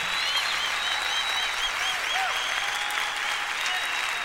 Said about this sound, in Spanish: Levanta ese aplauso fuerte.